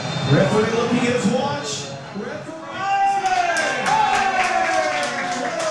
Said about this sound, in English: And with that, the final whistle and its cheers from the French fans, not so much for the Taiwanese supporters of Paraguay.